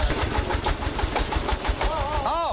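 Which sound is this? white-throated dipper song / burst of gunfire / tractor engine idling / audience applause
tractor engine idling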